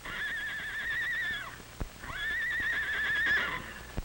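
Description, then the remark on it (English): A hurt horse from Mr. Mardell's ranch, running away, whinnies twice in long, wavering, high-pitched calls, fairly loud, with a couple of sharp hoof thuds between and after the calls. “Why, Charlie and Nellie from Mr. Mardell's ranch are running away. Probably someone led them out of a burning barn and let them run away to safety.”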